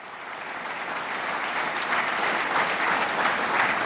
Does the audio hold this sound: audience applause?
yes